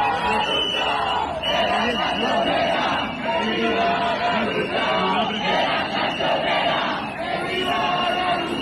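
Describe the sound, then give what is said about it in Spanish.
A large crowd chants together in the streets of Castilla-La Mancha at a housing protest called by housing collectives and unions, voices rising and falling in steady rhythmic waves, loud and continuous with a few brief dips between phrases. “Pues lluvias que no han impedido, por cierto, que miles de personas hayan salido este fin de semana a las calles de Castilla-La Mancha, convocadas por los colectivos y sindicatos por la vivienda para exigir soluciones a la crisis habitacional.”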